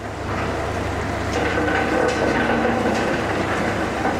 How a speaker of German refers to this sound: In der Steinmühle drehen sich Hämmer aus Metall. Die zerbrechen die Steine. So werden aus dicken Brocken kleine Steine.